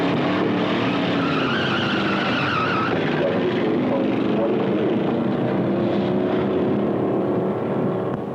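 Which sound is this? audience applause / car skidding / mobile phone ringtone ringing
car skidding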